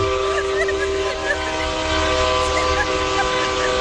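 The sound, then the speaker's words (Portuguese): A truck air horn blares in one long, unbroken, loud blast, its steady multi-tone chord held throughout over a low engine rumble. “Buzina aí.”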